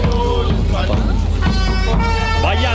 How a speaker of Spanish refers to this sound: con la peña de la Furia Roja rumbo al estadio en esa marabunta que nos va a acompañar